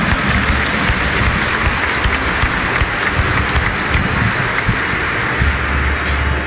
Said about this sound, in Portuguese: acolhendo todos nós com uma salva de palmas.